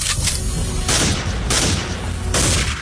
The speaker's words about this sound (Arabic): في اطلاق نار